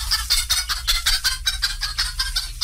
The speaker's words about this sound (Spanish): ¡Ey! ¿Qué es esto? Una gallina con pollos aquí en el cerro. Pero si aquí ni casas hay, hombre.